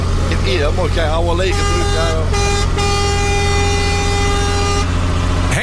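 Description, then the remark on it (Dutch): A truck's air horn, sounded by the driver from the cab of his own truck, blares in long, loud, steady blasts with a couple of brief gaps, over a low engine rumble, after a moment of excited voices at the start. “Hoor hem. Oh, geweldig, dat geluid.”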